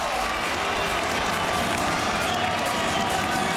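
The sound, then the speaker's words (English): A large stadium crowd on its feet roars and cheers in the final seconds of a match between the Dragons and the Eels, a steady, dense wash of noise that stays loud and unbroken for the whole few seconds, with no clear single voices standing out. “The crowd are on their feet. They love this as the seconds tick down.”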